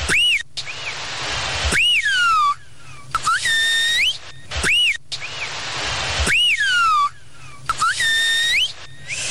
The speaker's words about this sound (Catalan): Es veu que aquest xiulet, Aurora, pot arribar fins a 3 quilòmetres de distància